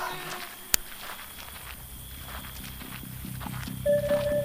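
horses approaching

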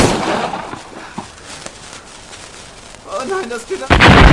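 dynamite explosion

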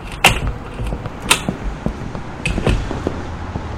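door opening

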